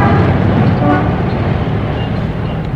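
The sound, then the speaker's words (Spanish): Dense, steady roar of busy city-centre street traffic and passers-by, as watched from outdoor café tables, with a car horn tooting briefly partway through over the constant rumble of passing vehicles. “Sentados cómodamente ante las mesillas situadas al aire libre, contemplaban el intenso tráfico, el ir y venir incesante de los transeúntes.”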